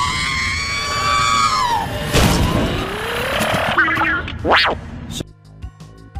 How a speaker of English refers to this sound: It sounded very similar to the first scream that we heard.